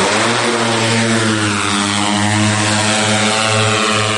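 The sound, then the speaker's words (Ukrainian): Drone propellers buzz loudly, a steady, high whining drone with a slightly wavering pitch that holds for the whole few seconds, with no voices. Ukrainian military drones carrying food, launched at night across the Dnipro toward occupied Oleshky on the left bank of Kherson region. “Дрони запускають вночі, на екранах видно кістяки будівель.”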